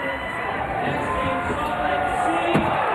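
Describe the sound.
A crowd at the X Games Monster Energy Men's Skateboard Street contest roars and cheers steadily throughout, a dense wash of many voices, as Ryan Scheckler lands a huge kickflip indie onto the bank on his third and final run. One sharp knock cuts through near the end.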